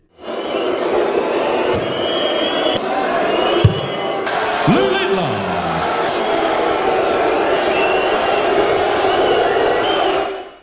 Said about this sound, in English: the crowd have been booing and whistling while he's been competing